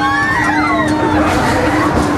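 Many riders scream together in high, wavering, overlapping shrieks over a steady mechanical hum on the Belantius Rache ride, a large swinging-ship ride that also spins around itself, loud and continuous with no pauses; a decibel meter reads 92.2 decibels.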